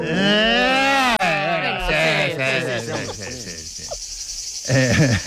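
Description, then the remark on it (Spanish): A person vocally imitates a cricket or cicada, producing a shrill, continuous buzzing chirp with wavering voiced tones, fairly loud, growing brighter toward the end. “Veraniego. Grillo. Chicharra.”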